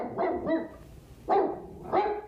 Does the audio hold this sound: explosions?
no